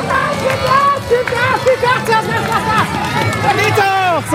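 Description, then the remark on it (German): A lively crowd cheers and shouts continuously, many excited voices overlapping with high-pitched calls and whoops, as spectators cheer young children across the finish of a balance-bike race on the market square in Borken. “hat da mal sein Mikrofon reingehalten und einen Zieleinlauf mitverfolgt”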